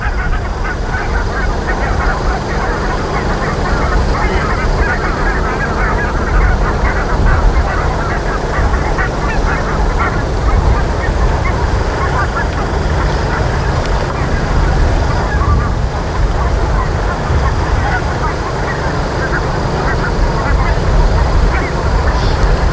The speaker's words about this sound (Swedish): Men det vi hör nu... Ja, det man hör nu, det är en flock med vitkindade gäss.